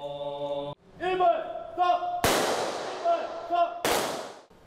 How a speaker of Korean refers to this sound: 추모의 의미가 담긴 총성이 울려 퍼지자 사부대중은 일제히 고개 숙여 영령의 넋을 기립니다.